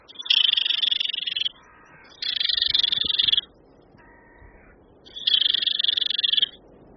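Three loud, harsh rattling bursts of a barred warbler's alarm call played back at a bush to try to make a bird react, each lasting about a second, with softer dry chattering in the pauses between them and no voices.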